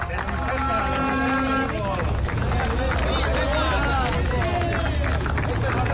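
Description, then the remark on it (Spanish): About fifty picketers at a factory's gates clap steadily and ironically outdoors amid mingled voices and shouts as workers arrive on company-chartered buses and enter escorted by Basque police, with a vehicle engine droning underneath during the first couple of seconds; the applause stays dense and fairly loud throughout. “Con aplausos irónicos mientras entraban escoltados por ertzainas, con mucha menor tensión que la semana pasada.”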